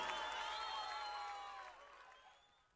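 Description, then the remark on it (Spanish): An audience applauds and cheers on the radio program Amanecer en el Campo, the clapping and voices blending into a bright wash of crowd noise that gradually fades away over a few seconds. “Las manos en el aire, aplauso”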